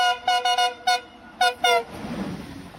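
A train horn sounds in a rapid series of short, loud toots, pauses, then gives a few more blasts before fading into low rumbling station noise.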